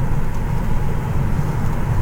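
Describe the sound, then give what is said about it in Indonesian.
Steady road rumble from a car moving along the Pantura highway at Trengguli toward Walahan in sunny weather, a continuous low droning hum at even loudness throughout, with no voices and no distinct events standing out. “Melintas di Pantura Trengguli yang mengarah ke Walahan.”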